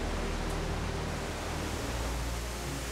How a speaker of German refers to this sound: Das hier ist der Korninger Wasserfall. Im Winter bauen sich hier auch schöne Eiskaskaden auf.